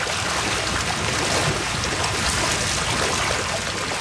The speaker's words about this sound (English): As he prepares the evening feed, fish begins splashing through the raceways.